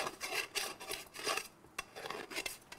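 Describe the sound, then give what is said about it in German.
A metal scraper rasps repeatedly across sawn metal edges, deburring the parts by removing leftover saw-cut residue, a series of harsh scraping strokes with short pauses between them and a couple of brief metallic clicks. “Mit dem Schaber hier machen wir die Schnittreste von Sägen weg, damit, wenn wir dann in die Sägenmaschine gehen, uns die nicht im Weg sind und für Ungenauigkeiten sorgen.”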